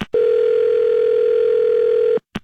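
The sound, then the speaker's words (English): A loud, steady telephone dial tone holds for about two seconds as a call is placed, then cuts off abruptly, followed by a couple of brief clicks. “You keep calling my phone, and I'm sitting here trying to watch my shows.”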